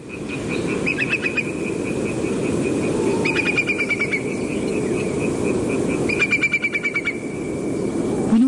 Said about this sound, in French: Oui, alors en fait c'est un courlis corlieux, mais c'est un cousin germain, mais c'est pas grave. C'est un oiseau qui est en train de passer au-dessus de chez moi en pleine nuit. En Bretagne. En Bretagne. au printemps,